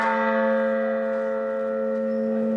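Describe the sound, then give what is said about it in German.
A single large church bell, named Resistamus and tuned to the note A, rings out with a rich, sustained tone and shimmering overtones, its hum decaying slowly and steadily with no voices present. “Resistamus, Lasst uns widersetzen, ein A.”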